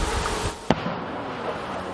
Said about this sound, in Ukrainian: Час від часу звук дронів над позиціями глушить потужна канонада і наших, і ворожих гармат.